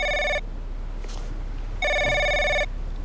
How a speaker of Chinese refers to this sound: 喂，哎呀，你这个电话来的真不是时候，我正问儿子 相亲的事儿。